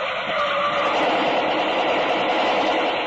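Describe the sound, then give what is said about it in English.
A car races toward a roadblock at top speed without slowing, a loud, dense rush of engine and tire noise that stays steady for a few seconds, with a hint of skidding and no voices. “The car approaching was coming at top speed. Didn't slow down as it neared the roadblock.”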